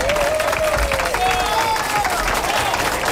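A studio audience applauds a man at the audio control with dense, steady clapping for about three seconds, mixed with crowd noise and a thin wavering whistle riding above it.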